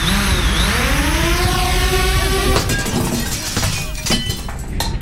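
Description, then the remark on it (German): A drone's rising, whirring motor hum builds steadily as it flies over a football pitch, then it hits a sports clubhouse window with a sudden loud crash of breaking glass and scattered tinkling shards, dense, with no voices. “Zählt Sportheimfenster auch?”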